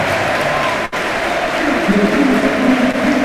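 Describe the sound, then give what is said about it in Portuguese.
A large crowd at a Benfica stadium match applauds Pavlidis as he is substituted off, a dense, continuous wash of clapping with a low murmur of voices underneath and some faint tonal chanting rising toward the end. “Uma tremenda salva de palmas para a saída do Pavlidis.”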